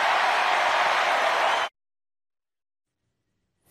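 A crowd of supporters at a political rally bursts into dense, loud applause that lasts about a second and a half, then cuts off abruptly into silence before a brief burst of noise at the very end.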